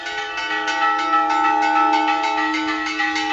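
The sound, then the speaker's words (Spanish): A church bell in Las Médulas tolls a fire alarm during a residents' protest walk recalling last August's wildfire, rung in rapid, steady repeated strokes with a bright metallic ring and sustained overlapping resonance, loud and continuous with no voices. “El toque a fuego que escuchan acompañó este fin de semana la caminata reivindicativa protagonizada en Las Médulas.”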